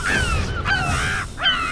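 A gull with wings spanning over a metre calls loudly in flight, giving three harsh, ringing cries in quick succession with only brief pauses between them.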